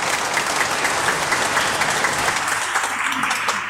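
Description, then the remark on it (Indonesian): A church audience applauds steadily for the Bible apostolate section (kerasulan kitab suci), a dense wash of many hands clapping at a fairly loud, even level throughout with no pauses. “Silahkan tepuk tangan untuk si kerasulan kitab suci.”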